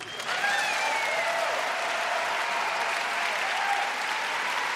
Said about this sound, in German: Vielen Dank für den schönen Applaus. Ich wollte erst mal sagen, dass ich mich oder wir uns sehr freuen, heute in diesem Gebäude in der sogenannten Elbphilharmonie spielen zu dürfen.